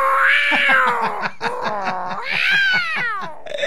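A cat meows loudly and continuously, its drawn-out, wavering cries rising and falling in pitch like a yowl, with a brief break midway before another long, insistent meow.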